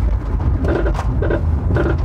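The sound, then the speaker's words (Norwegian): A car that would not pass EU roadworthiness approval, running with a low, steady rumble while a faulty-sounding scraping whine repeats roughly every half second, three pulses in all, loud. “Hører vi en bil som ikke blir EU-godkjent?”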